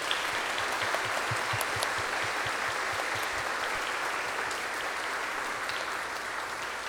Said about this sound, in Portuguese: Então, uma salva de palmas às nossas irmãs religiosas.